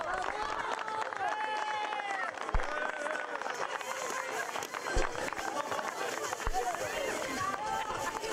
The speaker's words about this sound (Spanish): Ahora sí, fuerte el aplauso. ¡Bravo!